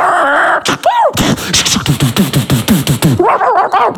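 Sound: dog yelping and barking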